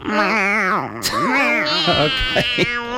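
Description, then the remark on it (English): Children imitate cats with a run of high, wavering meows, their whiny voices rising and falling and overlapping in a steady stream for about three seconds. “Can we show you our cat voices?”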